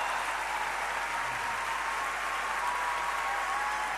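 An audience applauds steadily for about four seconds, a dense, even wash of many hands clapping at constant loudness with no voices over it.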